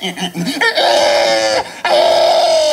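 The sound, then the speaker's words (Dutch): A person imitates a pig squealing in the winning entry of the first world championship of pig-sound imitation, held in Estonia: a few short grunting snorts, then two long, loud, strained squeals with a brief break between them, harsh and high-pitched, with no other sounds. “Nee, maar in Estland werd voor het eerst een wereldkampioenschap varkensgeluiden imiteren georganiseerd”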